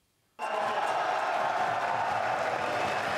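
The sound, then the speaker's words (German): After a brief silence, a crowd of fans of a new football stadium project breaks into loud cheering at an Oldenburg city council meeting held in a school auditorium, as the stadium is approved; a dense, steady roar of voices that keeps going without letting up. “Der Jubel unter den Fans des Projekts war groß, als das Stadion dann beschlossene Sache war.”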